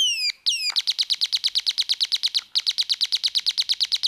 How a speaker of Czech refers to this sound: Slyšíte, jak ptáčkové krásně zpívají, slečno Alžběto? Sama příroda oslavuje, že po dvou letech jste se konečně uvolila vyjít se mnou do přírody.